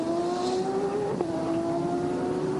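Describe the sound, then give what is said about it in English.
A race car engine drones loudly on a track at a steady, high buzzing pitch, with a brief dip and catch in the tone partway through as the car rotates, then holds on. No one speaks. “We only just saw the tail end of that and the car already rotated, but it's almost as if he's either hit too much curb and hooked it, has just rotated it, or just got on the power a bit”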